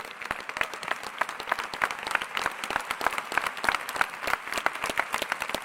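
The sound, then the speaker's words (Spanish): A crowd applauds steadily, with dense overlapping claps of moderate loudness sustained throughout, no voices standing out. “Ah, si es a Jesús, no está muy bueno el aplauso.”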